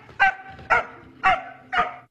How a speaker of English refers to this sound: Because the blue dog, it has quite a high-pitched bark. Tell you what I'm going to do. So it's a Kelpie.